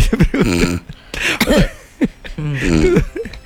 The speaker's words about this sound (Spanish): Ronca y tose un poquito cuando se da cuenta.